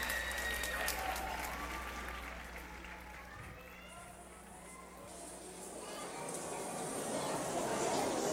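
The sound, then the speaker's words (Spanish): A long, sustained ovation from a large audience, dense clapping filling the space without pause, swelling slightly toward the end with a murmur of crowd voices underneath. “Al terminar, la ovación parece nunca acabar.”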